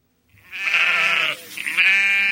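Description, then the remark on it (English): Two loud, wavering bleats from sheep on a farm in Pulaski County, Virginia, where 130 ewes are kept, many grazing on solar farms; each a drawn-out nasal cry with a brief pause between them, and no voices around. “He keeps 130 female sheep, and many graze on solar farms.”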